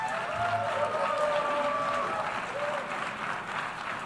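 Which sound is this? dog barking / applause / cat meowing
applause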